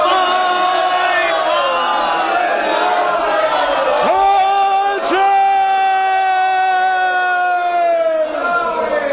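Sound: crowd shouting together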